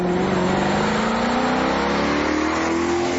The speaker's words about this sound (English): That unmistakable sound that tells you something special's coming. Maserati is that car. And behind that iconic engine note is 100 years of racing, performance and Italian craftsmanship